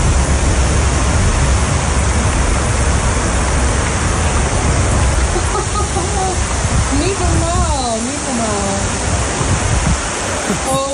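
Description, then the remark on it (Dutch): A steady, loud roar of heavy rain from a heavy thunderstorm in Emmeloord, Flevoland, Netherlands, with deep rumbling in the low end; a person's voice briefly rises and falls over the downpour near the end. “Er trekken zware onweersbuien over ons land.”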